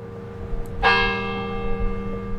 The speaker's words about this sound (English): If it could be said that the University of Alabama's campus has a voice, it would be Denny Chimes. The days and nights of this institution have been marked by the sound of Denny Chimes' bells since the brick and limestone tower was completed in 1929.